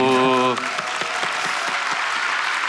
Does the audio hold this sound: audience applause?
yes